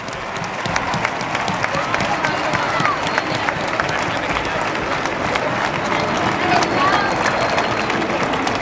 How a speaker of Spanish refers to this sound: Así que un fuerte aplauso para María, que está viéndonos desde arriba.